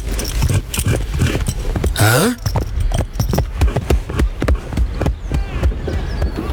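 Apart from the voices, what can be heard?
horse hooves clip-clopping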